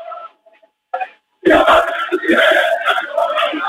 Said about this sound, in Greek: Ο κόσμος του Όφη φωνάζει τσέδες, τραγουδάει. Περιμένει να πάρει ένα ακόμα τρόπαιο, περιμένει να δει την ομάδα του να σηκώνει ένα ακόμα τρόπαιο μέσα στο σπίτι της απέναντι στην ΑΕΚ.